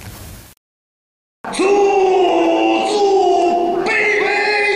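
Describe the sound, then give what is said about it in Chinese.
After a short noisy burst and a second of silence, a powerful full-throated Qinqiang opera voice bursts in at a public performance at the Kanjian Minning drama village in Yinchuan, Ningxia, roaring a long sustained note that wavers and bends in pitch, loud until the end. “这一嗓子秦腔吼的是西海固人民的来时路。”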